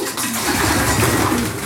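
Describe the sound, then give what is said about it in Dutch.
Pigeons coo steadily in a loft with small nesting boxes, some birds sitting and brooding, several soft, throaty, rolling calls overlapping with a faint rustle of wings and movement around them. “En de duiven die nu stug blijven zitten, zijn die echt aan het broeden, denk je?”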